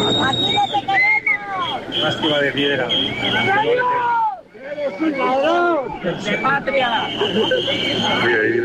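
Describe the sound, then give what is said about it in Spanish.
A loud crowd waiting for a parade to begin shouts insults and boos the president of the government over one another without pause, with whistles cutting through the din and a brief dip in the noise midway before the clamor surges back. “Insultos y abucheos desde la gente que está allí esperando a que comience el desfile”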